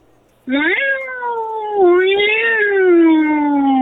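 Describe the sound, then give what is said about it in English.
A human voice imitates an angry, fighting cat with one loud, drawn-out yowl that starts abruptly and wavers up and down in pitch for several seconds. “I could throw an angry cat, a fighting cat.”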